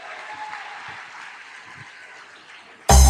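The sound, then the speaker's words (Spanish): A crowd claps together in a dense, steady wash of applause for nearly three seconds, then a loud, abrupt burst of sound suddenly cuts in at the very end. “Oh, gloria, un aplauso para el pueblo.”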